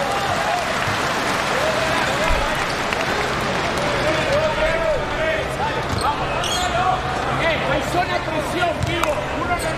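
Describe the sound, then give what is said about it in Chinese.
Steady, loud audience applause mixed with crowd noise runs the whole time at a basketball game with China's team playing, the crowd applauding player Li Hongquan, with a man talking over it and occasional dull thumps like a basketball bouncing. “没关系，掌声鼓励一下李洪权，加油加油！”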